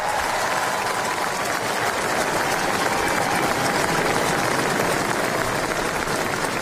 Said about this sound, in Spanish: Los aplausos, la ovación al nuevo rey de Noruega que acaba de salir al balcón del Palacio Real para saludar a los allí presentes, a las personas que se han congregado en la plaza con las banderas del país izadas.